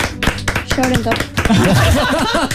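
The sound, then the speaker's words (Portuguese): A quick run of sharp, irregular hand claps on Children's Day, applauding a message to children, for about a second, soon mixed with and then giving way to lively voices talking and exclaiming. “Palmas para ti.”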